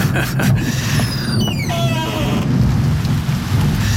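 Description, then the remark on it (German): Steady, heavy rain pours throughout with a deep, rolling rumble of thunder underneath, loud, with a few brief faint whistling tones in the first half. “Oh nein, Chief, jetzt regnet es auch noch.”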